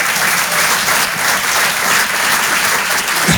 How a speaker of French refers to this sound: Et en fait, le truc c'est les applaudissements, c'est ensemble ou personne. Il y a pas de... Donc on va recommencer et ça mérite un applaudissement. Alors ensemble, s'il vous plaît.